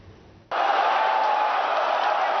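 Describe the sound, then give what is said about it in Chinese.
After a brief quiet moment, a crowd of football fans watching a 2026 World Cup match on a 430-inch screen at a shopping mall in Hong Kong suddenly erupts into loud, sustained cheering, a dense wall of voices that holds steady until the end. “球迷的欢呼声，穿上球衣的爱宠狗狗，430寸大电视直播赛事”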